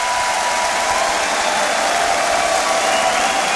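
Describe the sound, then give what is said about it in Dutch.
Enthusiastic concert audience applause fills the space, a dense, steady wash of clapping from a large crowd, loud and sustained throughout with no pauses. “Hoor het publiek, de reacties. Helemaal enthousiast.”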